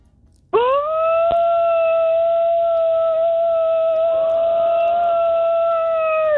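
A single traditional Mexican grito from a radio caller in San Diego, originally from Tijuana: a loud, high, piercing cry that starts abruptly and is held steady for about six seconds with a slight waver toward the end. No one talks.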